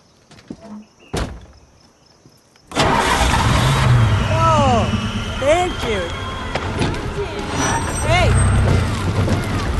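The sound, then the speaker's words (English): A car engine, just fixed under the hood, turns over after a quiet pause and a single click, then catches abruptly and settles into a loud, steady idle rumble that runs for several seconds. “Try the engine.”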